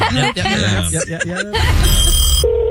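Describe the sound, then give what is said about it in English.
A telephone rings unanswered on The Woody Show, loud with a bright, buzzing bell tone after a short burst of voice sounds at the start, then gives way to a steady electronic tone near the end. “I don't see how you people stay in business when you never answer your phone.”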